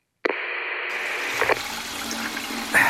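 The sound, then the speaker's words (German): A toilet flush starts abruptly and keeps running because it cannot be stopped, a steady rushing of water that doesn't stop, with slight gurgles and shifts in the flow toward the end. “Die Klospülung lässt sich auf der Toilette irgendwie nicht stoppen.”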